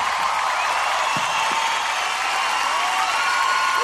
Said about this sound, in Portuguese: Pode aplaudir, gente. Pode aplaudir por tudo.